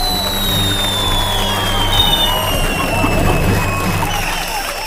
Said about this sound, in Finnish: Hyvät vastaukset ansaitsevat aplodit. Kiitos.